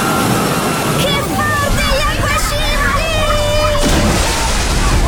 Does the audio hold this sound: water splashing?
yes